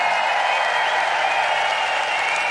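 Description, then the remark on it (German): A large crowd at the Heimatsound festival applauds the people who work to make the festival possible. The applause is a dense, continuous wash of clapping that stays loud and even throughout, with a faint murmur of voices mixed in. “Was auch noch ganz wichtig ist für uns, habt ihr nur einen riesen Applaus für alle die Menschen, die da arbeiten und dieses Festival überhaupt möglich machen.”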